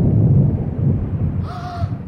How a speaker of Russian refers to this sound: Вот, вот, молния, гром, услышал.